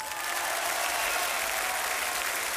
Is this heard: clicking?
no